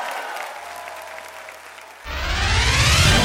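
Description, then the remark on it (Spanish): An audience claps, a soft patter of applause that suddenly swells into a loud, full burst of clapping from many hands partway through, with no voices over it. “Aplaude lo que Dios ha hecho en tu vida.”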